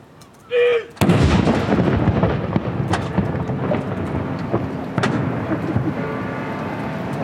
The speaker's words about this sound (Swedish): Kyrkklockor och salut. Smällar hör vi från Norge efter att kung Harald den femte avlidit.